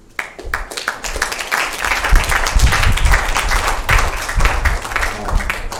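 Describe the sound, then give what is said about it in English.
Applause from a crowd, many hands clapping in a dense, steady wash that rises quickly after a few scattered claps and stays loud throughout, with no speech. “So, round of applause again.”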